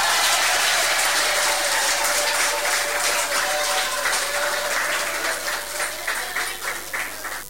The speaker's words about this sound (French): Applaudissez pour vous-même, l'ISP de Boucan. Vous applaudissez pour vous-même. Voilà, vous êtes magnifique.